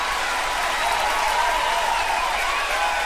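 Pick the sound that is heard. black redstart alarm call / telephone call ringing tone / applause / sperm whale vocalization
applause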